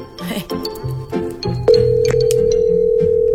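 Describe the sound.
Voices talk briefly, then a steady electronic tone from a phone line takes over, the ringback of an outgoing call, droning loud and even with only a short break.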